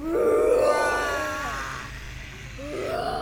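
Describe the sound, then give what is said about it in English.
Several voices growl out an imitation of a dragon's roar, a rough, throaty cry that swells loudly at first, trails off, then rises again briefly at the end. “Can we do a bit of a dragon's roar together?”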